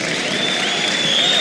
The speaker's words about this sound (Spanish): Gracias por los aplausos